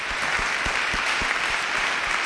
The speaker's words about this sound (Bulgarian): вашите аплодисменти са за него, представител на музикалното училище в град Варна